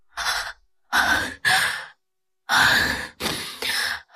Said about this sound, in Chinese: 冲进白色的大门，突然一切声音都消失了，只剩下寻可然自己的喘息声。